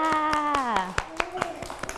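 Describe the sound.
Children clap for themselves after playing the Thai folk game of hiding a cloth, an uneven patter of sharp claps about every quarter second, while an adult teacher's voice speaks over the first half before trailing off.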